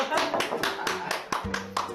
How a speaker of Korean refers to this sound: 박수. 박수. 박수.